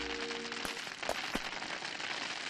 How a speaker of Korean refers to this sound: 하늘에서 떨어지는 얼음이라면 혹시... 이건 우박이야. 우박이라고? 어서 피하자.